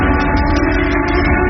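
factory siren sounding

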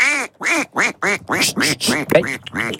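duck quacking

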